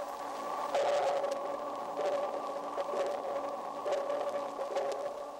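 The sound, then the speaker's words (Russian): Dolphin echolocation recorded underwater and slowed down 32 times: a steady, droning tonal hum with faint pulses recurring every second or so, echoes reflecting off underwater objects. No one speaks. “Вы слышите эхо, отражающееся от подводных предметов.”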